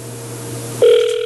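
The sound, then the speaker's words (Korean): A telephone ringback tone on an outgoing call placed by the Far East Broadcasting radio show to a listener: a steady, fairly loud electronic tone that starts abruptly partway through, after a quieter stretch of faint low humming line noise. No one speaks. “자, 신호 가고 있습니다. 신호 가고 있어요.”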